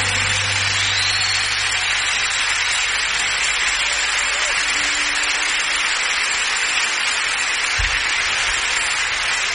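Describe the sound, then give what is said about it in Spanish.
A large crowd applauds loudly and steadily, a dense wash of clapping that holds at full strength for the whole stretch, with a low hum underneath and no one speaking. “Un aplauso más fuerte, hermano.”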